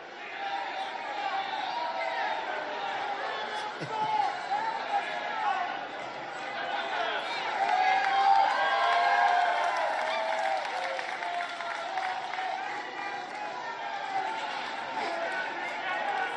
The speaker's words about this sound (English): And listen to those bloodthirsty screams.